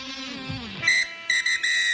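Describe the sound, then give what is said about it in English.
A descending tonal sweep gives way to a shrill, high-pitched end-of-game siren that sounds in three short, loud blasts, the last two in quick succession, with no voices. “The final siren has sounded, and it's time to cool down with Ice Gel.”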